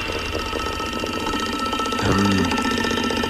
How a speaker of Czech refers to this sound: Zní to jako datel. Že by to byl datel. A jo, je to datel. A ťuká si do rytmu Rádia 1.